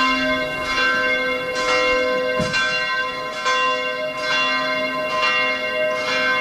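Church bells ring out steadily, their rich overlapping tones swelling in a repeating rhythm with roughly a strike every second or so, loud and resonant with no voices present.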